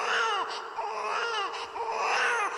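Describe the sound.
Someone fakes crying, producing exaggerated wailing sobs. The pitch rises and falls in a continuous whiny stream for a couple of seconds, with no other talk.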